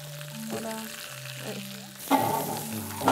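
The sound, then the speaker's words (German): Lamb sizzles on an uncovered grill with a steady hissing crackle that suddenly grows louder and harsher partway through, over a soft sustained tonal hum in the background. “Und das legen wir jetzt wieder auf den Grill, dieses Mal ungedeckt.”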